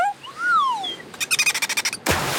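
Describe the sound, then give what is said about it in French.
A dolphin named Séraphin, swimming beside a boat and leaping in the water: whistles rise and fall in smooth sweeps, then give way to a quick run of about ten sharp, squeaky chirps, ending in a sudden watery rush. “Tiens, voilà Séraphin le dauphin.”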